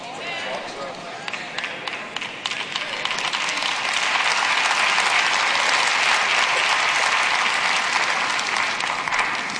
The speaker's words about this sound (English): I don't know why the claps get lower and lower every time y'all do it.